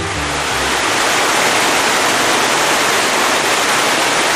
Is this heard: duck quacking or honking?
no